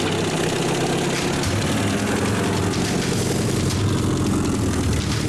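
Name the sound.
jeep engine idling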